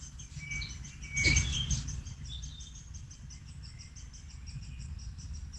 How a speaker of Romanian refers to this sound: zice, e de ajuns să ies în grădină și se aud păsărelele.